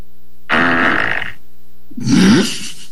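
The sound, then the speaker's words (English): Two loud, buzzy fart sound effects played by a woman during a Zoom online class with kids, each lasting under a second, separated by a short pause, the second one rising in pitch; no one speaks. “She didn't actually fart herself. It was a sound effect that she played, got all the kids wound up.”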